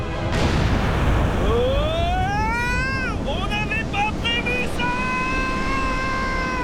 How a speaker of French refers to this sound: L'explosion a provoqué un énorme raz-de-marée.